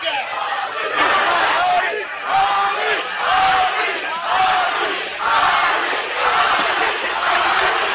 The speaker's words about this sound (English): Crowd screaming, chanting, Ali, Ali.